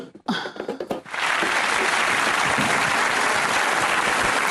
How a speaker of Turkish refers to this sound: Alkış.